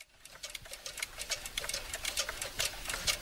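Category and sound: sound effect, mechanical clock ticking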